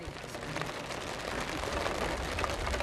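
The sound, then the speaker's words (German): Steady rain pours down in a dense, continuous hiss with faint pattering droplets throughout, holding an even loudness from start to finish with no voices. “Es besteht die Hoffnung, dass es bald aufhört zu regnen.”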